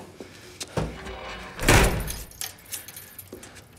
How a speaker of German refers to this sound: Schließ auf. Tür zu! Schnell!